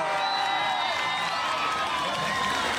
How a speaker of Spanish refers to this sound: Con nosotros vamos a recibir con fuertes aplausos al general del pueblo, al futuro alcalde de Lima, Daniel Urresti Herrera.